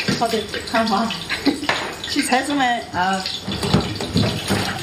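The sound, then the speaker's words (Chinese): Steady running water splashes continuously as a pot is washed under a tap, while several voices talk over the hiss of the stream. “辛苦你啊，把锅洗一下。”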